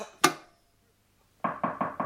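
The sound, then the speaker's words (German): A single sharp knock, then after a pause a quick series of four firm knocks on a door, fairly loud, with no talking. “Es hat geklopft.”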